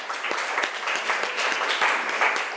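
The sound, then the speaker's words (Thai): A group of students applauds a classmate who answered a question, many hands clapping steadily in a dense, even patter that holds at a fairly loud level throughout, with no voices standing out. “นางผีเสื้อสมุทรนะครับปรบมือให้เพื่อนหน่อย”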